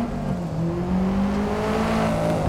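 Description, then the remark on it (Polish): In a racing video game, a race car drives down pit lane under a sunny sky to get on the track; its engine hums steadily at low speed, pitch rising slowly, continuous with a faint whir of tyres and no voices. “Under a sunny sky, your car drives down pit lane to get on the track.”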